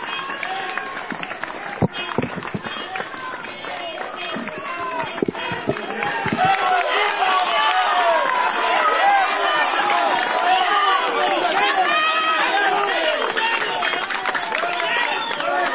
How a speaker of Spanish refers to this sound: Hay que valorar, ¿no?, el esfuerzo que está realizando la policía y estamos agradecidos con la policía, por eso el aplauso.